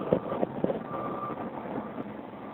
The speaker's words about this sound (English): Get this big interchange. There's a bunch of traffic for people waiting to get into the tunnel.